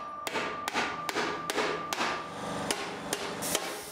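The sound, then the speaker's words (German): A hammer strikes sheet metal in a steady rhythm, about nine sharp ringing blows in four seconds, each leaving a bright metallic resonance that hangs between hits, as the sheet is shaped by hand over a forming punch. “Dann kommen schon die ersten Hammerschläge.”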